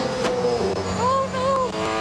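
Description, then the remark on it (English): A Bathurst 1000 race car engine roars steadily, heard from the passenger seat inside the cabin during an onboard ride, its pitch climbing and dipping as the revs rise and fall through quick gear changes, loud throughout. “And pretty much what they did was they took an American, they popped him in the passenger seat of one of these Bathurst cars, and I mean, just take a listen.”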